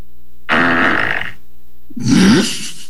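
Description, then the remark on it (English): Two loud, buzzy fart sound effects, played by a woman during a Zoom online class for kids; the first longer and raspy, the second shorter with a rising squeaky tone, played back to back with no talking. “She didn't actually fart herself. It was a sound effect that she played, got all the kids wound up.”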